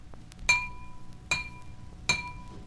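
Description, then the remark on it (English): A water-filled glass is struck three times at a steady pace, each tap giving a bright clink followed by a clear, sustained ringing tone that slowly fades; adding water makes the glass vibrate more slowly and lowers the pitch. No voices. “The greater heaviness or density makes the glass vibrate more slowly, and slower vibrations mean lower pitch.”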